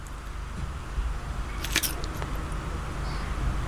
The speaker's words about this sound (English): That was a crunchy bit. The initial crack is quite important, I suppose. The initial crack.